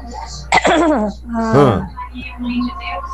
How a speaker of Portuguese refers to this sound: Oi, deu só um pigarro, né